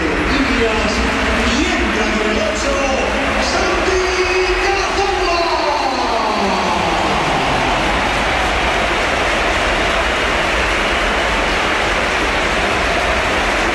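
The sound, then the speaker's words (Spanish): A huge crowd at the Santiago Bernabéu stadium gives a loud, sustained ovation for an Oviedo footballer ending his career as he comes on, a dense roar of applause and cheering that holds steady throughout, with swelling chant-like voices rising through the noise early on. “ha terminado su carrera en el Oviedo, o todo parece que así va a ser, y esta es la ovación que le ha dedicado el Bernabéu, que ha sido espectacular también cuando entraba el jugador del Oviedo.”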